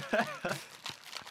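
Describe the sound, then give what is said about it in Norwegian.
A short, murmured vocal sound, then a few crisp crackling bursts as the wrapper of a package of biscuits with bubblegum-flavored filling in milk coating is opened, fairly quiet. “Skal se, det var godt pakka inn.”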